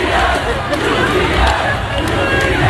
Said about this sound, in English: Now, the people after the Knicks game, they're on the streets of New York City. They don't know what to do with this energy, but they got the energy and they're pumped up. And they see a UPS truck in the street. So they just start chanting UPS.